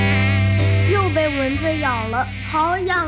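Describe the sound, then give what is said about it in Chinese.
A loud mosquito whine drones steadily for about three seconds, with a wavering, voice-like buzzing tone rising and falling over it partway through. “蚊子咬了，好痒啊！”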